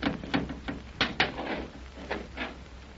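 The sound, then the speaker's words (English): A heavy door, stuck at its sides, scrapes and grinds as it is pushed downward by hands laid flat against it and slides down, with a series of uneven knocks and rubbing bursts over a steady low rumble, moderately loud. “Here, put your hands flat against the door and we'll try pushing down on it.”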